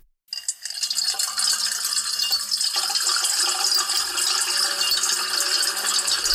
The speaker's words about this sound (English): And now a little ASMR, water being poured into a metal bowl. Soothing. So it will probably be seven times as soothing if we layer seven tracks of water being poured into a metal bowl.